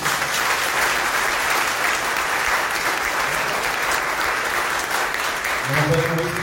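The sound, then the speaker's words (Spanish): A church audience applauds steadily for the children and young people of the catechesis, dense clapping at a loud, even level for several seconds, with a voice and faint tones emerging near the end. “Así que le vamos a dar un aplauso.”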